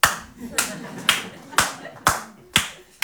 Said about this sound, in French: On peut l'applaudir.